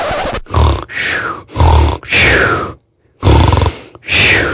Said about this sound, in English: Oh, that was me snoring.